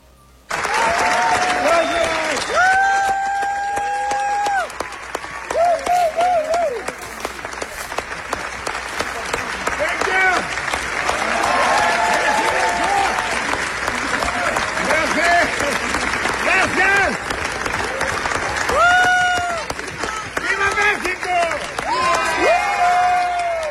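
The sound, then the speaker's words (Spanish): A large crowd gives Mexican director Guillermo del Toro a standing ovation at the Cannes Film Festival in France, twenty years after El Laberinto del Fauno premiered there, applauding steadily and loudly with cheers, whoops and scattered shouting voices rising above the dense clapping. “veinte años de haberse estrenado en el Festival de Cannes, allá en Francia, la película El Laberinto del Fauno, ayer el director mexicano Guillermo del Toro fue ovacionado y aprovechó para gritar un Viva México.”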